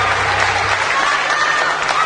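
Loud, dense applause from an audience, a steady wash of many hands clapping at once with no pauses, lasting the whole stretch.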